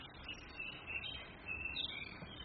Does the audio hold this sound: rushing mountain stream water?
no